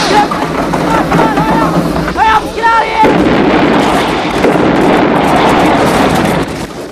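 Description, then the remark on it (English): After a few seconds of rumbling noise and shouted voices, a B-17 bomber that belly-landed and slid off the runway onto the grass explodes in a huge orange fireball: a heavy, roaring blast whose dense low rumble and crackle sustain loudly for several seconds before easing off. “The bomber explodes in a huge orange fireball, shocking the onlookers.”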